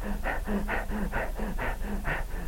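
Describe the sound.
A voice imitates the heavy, out-of-breath panting of people after about ten minutes of screaming and rolling: rapid, rhythmic in-and-out gasps, about four per second, fairly loud, with no other talking.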